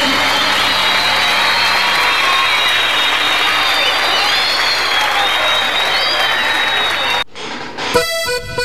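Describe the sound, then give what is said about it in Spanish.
Loud, sustained applause from a large audience sending off a mariachi band, a dense steady wash of clapping with some cheering, lasting about seven seconds before cutting off abruptly into a brief burst of other sound. “Que se sienta fuerte el aplauso para despedir al mariachi.”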